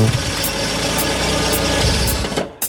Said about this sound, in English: What's that? A car is pulling up.